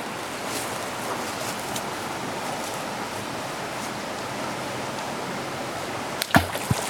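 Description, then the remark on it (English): Steady rushing water fills the scene, then near the end a single sharp splash cuts through as a thrown rock plunges into the stream, with a brief burst of spray after it. “that was a big splash.”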